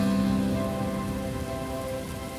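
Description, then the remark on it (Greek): Steady rain pattering on a hard surface, a dense continuous hiss with no pauses or voices, holding at an even, moderate loudness throughout. “Κρύβομαι κάτω από τη βροχή και σε κοιτώ ευτυχισμένη.”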